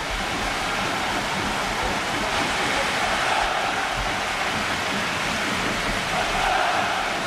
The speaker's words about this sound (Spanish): Ostras. El sonido es el de la lluvia. Es el de la lluvia. Sí.